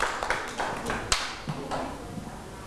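A group of children claps in quick, uneven bursts, a scattering of sharp taps with a few louder smacks standing out, at a moderate level with no talking.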